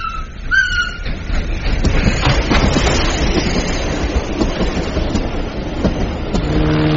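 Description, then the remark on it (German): A train rumbles along the rails, loud, with a steady rolling clatter of wheels and a brief high whistle-like squeal near the start; no one speaks. “Und Eisenbahnen.”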